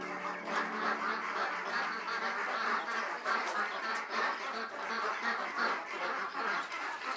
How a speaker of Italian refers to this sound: Le anatre chiamano impazienti e affamate.